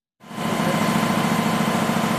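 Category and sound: machine, newspaper printing press running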